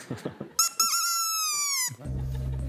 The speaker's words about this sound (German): Ah, guck mal, auf den Moment hast du jetzt lange gewartet, ne? Dass du die Möwentröte mal direkt an deinem Ohr hörst.